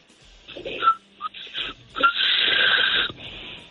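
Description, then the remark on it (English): A man whistles backwards, sucking air in instead of blowing out: a wheezy, breathy whistle with short airy attempts and brief high tones before a longer strained hissing wheeze; no talking. “Sounded like a wheezing whistle.”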